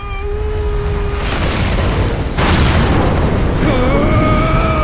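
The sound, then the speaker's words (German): A statue of Kali explodes in an inferno of white light: a loud, rumbling explosion with a sudden fresh blast about halfway through, followed by a sustained roar and high ringing, whining tones layered over the rumble. No one speaks. “Hinter uns explodierte die Statue in einem Inferno aus weißem Licht, das Kalis Schädelkette in 12 Teile zersprengte.”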